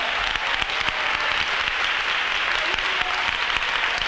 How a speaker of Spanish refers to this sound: Un aplauso de júbilo al Rey.